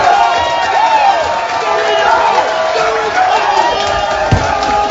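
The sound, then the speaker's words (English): A packed crowd at Winston's bar erupts in loud, sustained cheering and yelling after Eustachio's soccer goal for Canada in the 91st or 92nd minute, with whoops and shouts layered over a dense roar of many voices and a sharp thump near the end. “The Eustachio goal in the 91st or 92nd minute, whatever it was. This is what it sounded like at Winston's, and the video's up on our social channels.”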